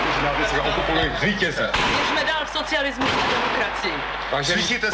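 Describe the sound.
Scattered sharp gunshots crack through a dense, noisy crowd din on an old, lo-fi 1968 radio reporter's recording made in front of the radio building on Vinohradská Avenue, capturing the broadcast and the shooting, with voices and shouting blending underneath the bursts.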